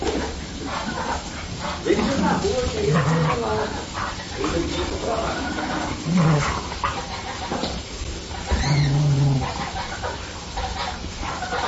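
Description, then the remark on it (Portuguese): Dogs bark in short, scattered bursts as they play with a pet mini goat named Chico, with a few drawn-out animal cries mixed in and people's voices chattering in the background. “segue o vídeo do nosso mini bode Chico, ele brincando com os cachorros.”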